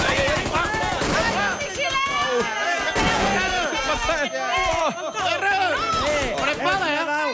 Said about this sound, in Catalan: El festival de trets i explosions és increïble. Es disparen més de 1.000 trets i una desena de granades en molt pocs minuts.